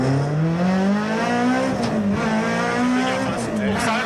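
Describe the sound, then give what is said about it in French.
A race car engine screams at high revs of about 8000 rpm, its pitch climbing and wavering steadily for several seconds, loud, with a voice faintly talking underneath. “Quel bonheur de l'entendre à 8008 ce moteur.”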